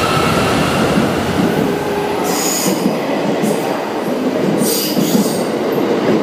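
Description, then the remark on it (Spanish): A passing Thunderbird Limited Express train in Japan rumbles steadily along the rails, loud, with bursts of high metallic wheel squeal breaking through the continuous roar. No voices are heard. “Aquí se puede ver el morro algo más redondeado del Thunderbird.”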